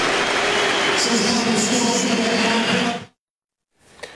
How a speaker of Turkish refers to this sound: Son düdük sesi geliyor. Fenerbahçe Aston Villa'ya deplasmanda 6-0 mağlup oluyor.